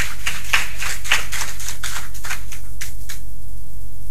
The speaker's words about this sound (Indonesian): Kita tepuk tangan dulu.